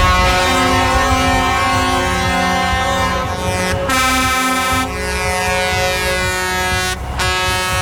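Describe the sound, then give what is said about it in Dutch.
A loud, unbroken chorus of blaring air horns honking at once at a farmers' tractor protest in The Hague as police intervene, their overlapping tones layered into a dense, droning wall of sound that dips only briefly twice. No speech is heard. “Zo klonk het bij het ingrijpen van de politie.”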